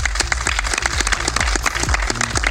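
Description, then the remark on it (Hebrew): A crowd in the city of Rehovot applauds for Rehovot with dense, steady clapping that fills the whole stretch, loud and continuous with no talking over it. “ואנחנו כאן בעיר רחובות, אז קודם כל מחיאות כפיים לרחובות.”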